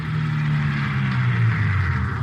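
A car engine hums steadily, a continuous low rumble with a slight rise in pitch as the vehicle drives along, with no voices present; police sergeants and Metro Squad men are driving out at 3:15 p.m. to an address, a bungalow in the West Hollywood area.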